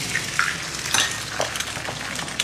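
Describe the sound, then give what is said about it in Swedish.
Three eggs sizzle steadily in a hot pan, a continuous crackle with sharper pops and spits breaking through every so often. No one speaks. “Och det är också här som man börjar se de här klippen då på Parisbor som steker ägg och pannkakor i fönstersmygen eller på trottoaren.”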